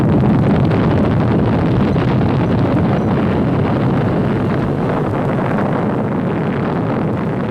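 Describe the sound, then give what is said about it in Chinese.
A loud, continuous rumbling roar from China's first atomic bomb explosion, set off atop a 102-metre iron tower at 15:00 on 16 October 1964, heavy in the low end and holding steady for the whole stretch with no voices. “1964年10月16日15时，在102米的铁塔上，中国第一颗原子弹爆炸成功。”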